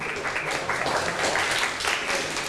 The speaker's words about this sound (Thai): ขอบคุณค่ะปรบมือให้เพื่อนหน่อย